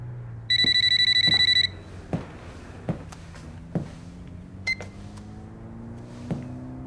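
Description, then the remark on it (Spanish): A phone rings once with a bright, trilling electronic burst lasting about a second, followed by a few soft clicks and a brief chirp against a low hum. “Si fuera la CIA, llamarían al teléfono del tipo.”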